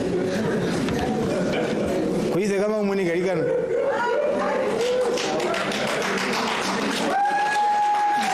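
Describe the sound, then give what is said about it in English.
A crowd applauds in a dense, steady patter of clapping, mixed with chatter and a few raised voices; a sustained electronic tone rises near the end. “Please clap for hands for her.”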